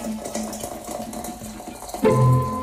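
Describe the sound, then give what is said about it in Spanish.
A kettle boils water during a radio broadcast, rumbling and hissing with a steady low hum, then a louder, tonal whistle-like swell rises near the end. No one speaks. “Ahí está, hirviendo la pavita.”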